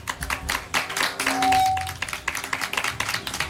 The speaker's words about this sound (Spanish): Aplauso bravo, fuerte bravo. Para el capitán, por Muy favor.